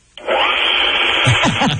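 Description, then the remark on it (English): A power saw kicks on abruptly and runs with a loud, steady, gritty whine, its tone wavering slightly toward the end as it cuts into an LG phone. “All right, here goes the saw.”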